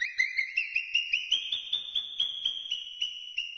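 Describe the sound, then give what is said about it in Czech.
Marmots give rapid alarm whistles, a steady string of about fourteen shrill, high-pitched chirps that rise slightly in pitch, evenly paced and fairly loud, with no talking. “Z dola z rytířského hradu svišťů se komínkem neslo poplašené pískání.”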